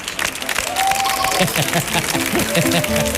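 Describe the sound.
A live audience at a show also broadcast on radio bursts into sustained, loud applause for an arriving guest, dense clapping with some cheering, while a voice talks over it partway through.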